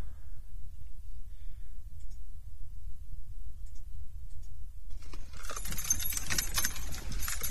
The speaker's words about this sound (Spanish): Vamos hasta allí, las llaves suenan igual que en todos los barrios.